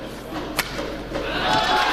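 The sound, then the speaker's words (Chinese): A single sharp, snapping crack of a badminton racket smashing a shuttlecock down the middle in a Thomas Cup semifinal singles match, Shi Yuqi of China against Antonsen of Denmark, in Horsens, Denmark, cutting through steady arena crowd noise, followed by a softer hit and a faint voice in the background. “杀一拍中路”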